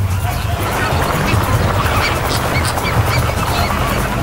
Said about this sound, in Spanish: La fuerza aérea del flamenco se eleva como una gran nube rosada.